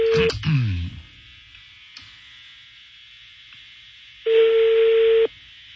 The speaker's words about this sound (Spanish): Ahí está sonando el teléfono